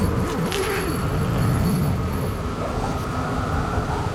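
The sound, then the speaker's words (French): Strong blizzard wind roars steadily, a dense, low, rumbling rush with faint wavering moans, loud and unbroken for the whole stretch, with no voices. “Lorsque le blizzard, il crie si fort, on a beau hurler, personne ne nous entend. Le vent, il est vivant, puissant. Tenez, écoutez.”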